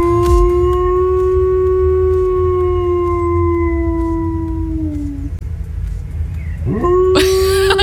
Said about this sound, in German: Ihr Hund kann nämlich perfekt die Feuerwehrsirenen nachmachen.